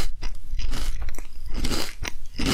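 Loud crunching as someone bites into crunchy food, with about half a dozen sharp, crackly crunches in quick irregular succession and no talking.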